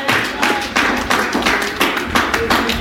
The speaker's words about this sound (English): Somebody give God a clap and a praise in the house.